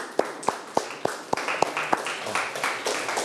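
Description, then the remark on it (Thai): Students, told by their teacher to applaud themselves at the end of a lesson on letter writing, clap together in a quick, steady unison beat, six sharp claps, before the rhythm breaks into looser, overlapping applause that continues to the end. “เก่งมากปรบมือให้ตนเอง”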